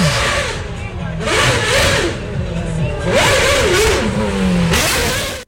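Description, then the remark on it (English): A loud, high-pitched Formula One race car engine, the car of driver Patrick Friesacker, revs repeatedly, its whine climbing and dropping in several surges over a few seconds, harsh, with roaring bursts between the pitch sweeps. “And listen to what his car sounded like.”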